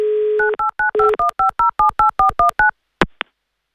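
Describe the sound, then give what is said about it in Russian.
A steady dial tone gives way to a quick series of about a dozen telephone keypad beeps as a call is redialed, each a short two-toned chirp, followed by a couple of sharp clicks near the end as the line connects. “Мне кажется, надо повторить этот сеанс. Давай, попробуй, согласен. Да, давайте, наберем еще раз.”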